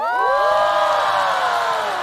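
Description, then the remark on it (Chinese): An audience below a stage screams and cheers all at once, many high-pitched voices piling into one loud, sustained roar that holds steady for a couple of seconds with no talking over it. “我努力练习唱跳，就是为了听到台下尖叫。”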